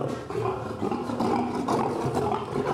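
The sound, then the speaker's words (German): A lion in an enclosure growls irritably in a continuous, rumbling snarl, steady in loudness for a few seconds with no talking. “Ungehalten wird das Löwenmenschen vielleicht auch, weil es draußen Gärtner und Gärtnerarbeit wittert.”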